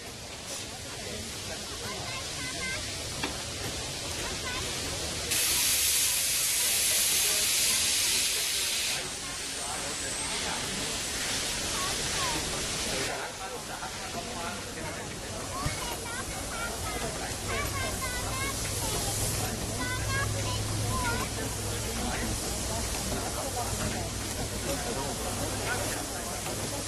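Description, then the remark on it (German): Loud bursts of steam hiss from steam locomotive 41 in a roundhouse with visitors present, two long blasts in the first half, with indistinct voices and low rumbling machinery throughout. “Und liebe Gäste im Rundhaus, auch Sie bitten wir, vom Gleis 2 Abstand zu halten und auch den Bereich hinter dem Gleis im Rundhaus an der Rückwand freizuhalten, damit der Durchrutschweg für die Lokomotive frei ist.”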